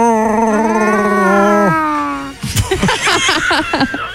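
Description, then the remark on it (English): A person imitates Chewbacca's roar: a long, wavering, howl-like vocal tone that slides downward, then a burst of rough, choppy, growling sounds. Fairly loud throughout, with no other sounds. “Never tried to do your own Chewbacca sound?”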